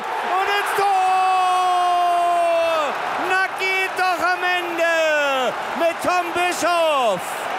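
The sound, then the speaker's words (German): A football stadium crowd in Munich at the Germany versus Serbia Nations League match roars and cheers while a loud amplified voice bellows long, drawn-out sustained calls, repeated several times with short breaks, over the steady noise of the crowd. “Party gab es gestern noch anderswo in München, auch am Stadion, beim Spiel Deutschland gegen Serbien in der Nations League. Das klang so.”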